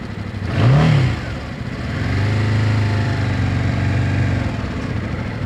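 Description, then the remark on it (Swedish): An engine revs up briefly with a rising whine, then settles into a steady, low putter as a brand-new motorcycle pulls away slowly in first gear on a practice track in Bromma. “Sådär, jag puttrar iväg här på ettan på övningsbanan i Bromma, och det är riktigt mysigt att få åka motorcykel.”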